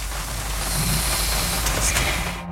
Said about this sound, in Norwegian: Det eneste jeg hører lyden av regnet mot bilruta, men vi tek likevel opp lyd.